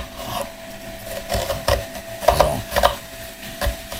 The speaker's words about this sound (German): Ich schneide jetzt hier eine halbe Zwiebel, die Schüssel stelle ich jetzt dahin und die schneide ich jetzt quasi in Würfel. Ich schneide die erstmal längs.